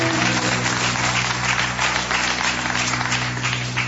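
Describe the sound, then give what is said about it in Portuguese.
A church audience claps together in steady, sustained applause offered to the Lord Jesus during a sermon, a dense wash of many hands that holds at an even level for a few seconds over a low electrical hum. “Palmas ao nosso Senhor Jesus, exclusivamente a eles.”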